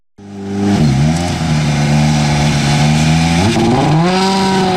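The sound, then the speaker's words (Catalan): A loud rally car engine at the Rally Ciutat Utiel in Spain, a rally run on a dirt course, revs up sharply, its pitch dipping and climbing as the throttle blips, then settling into a sustained, aggressive roar with no voices. “Arriba l'emoció del motor, no et perdes el Rally Ciutat Utiel, una de les cites més espectaculars de l'automobilisme a Espanya.”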